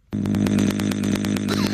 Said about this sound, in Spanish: Oye, güey, le hace igualito que motosierra. Voz de motosierra, güey.